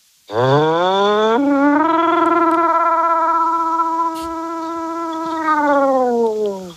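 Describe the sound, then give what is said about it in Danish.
A caller phoning in from Roskilde imitates a siren with one long, loud wail that swoops up, holds steady with a wavering vibrato for several seconds, then sags down at the end. “Jamen, lad os høre noget sirene.”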